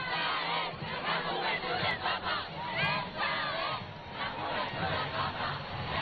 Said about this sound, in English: So the crowds are lined up along that avenue that the Pope has slowly been making his way forward.